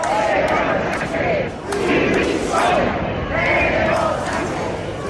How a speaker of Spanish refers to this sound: Banderas de España y de Ceuta, pancartas contra el gobierno y sobre todo gritos pidiendo la dimisión de Pedro Sánchez.